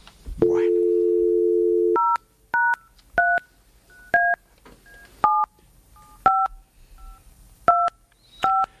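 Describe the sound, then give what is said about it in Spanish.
A steady telephone dial tone hums for under two seconds, then about eight short, crisp dual-pitched keypad beeps follow at uneven intervals as a number is dialed in an attempt to call a radio listener. No voices are heard. “Intentamos llamarlo.”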